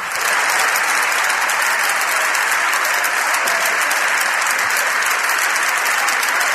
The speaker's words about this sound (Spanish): Estos aplausos son los aplausos de los diputados del Partido Popular que apoyan a Ana Belén Vázquez, que la animan, que se indignan con esta decisión de Francina Armengol y que incluso llegan a ponerse de pie, ovacionando y vitoreando a la diputada